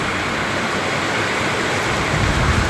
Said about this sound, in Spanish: No es granizo, es lluvia, pero como claramente el techo metálico hace que se exacerbe, digamos, el sonido.